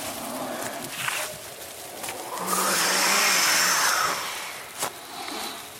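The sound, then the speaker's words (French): Howling wind rushes steadily as trees sway from side to side, swelling to a loud, hissing peak with a thin high whistle in the middle before easing off again, with a few faint knocks and rustles scattered through it. “Le vent hurle, les arbres bougent de gauche à droite.”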